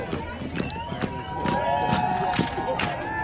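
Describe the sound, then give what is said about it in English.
People in a 4th of July parade play folding lawn chairs as a choreographed marching band; the chairs clack and snap in a loose, steady rhythm, roughly every half second, over a lively crowd with cheering voices and some sustained tones. “There was a section of a 4th of July parade, and they were doing a folding lawn chair marching band thing.”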